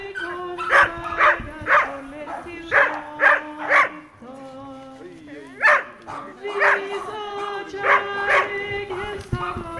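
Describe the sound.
Several dogs bark in repeated sharp bursts, some loud, with occasional yips and whimpers, while people talk and murmur in a lively outdoor crowd at a devotional service attended by many dogs and their owners.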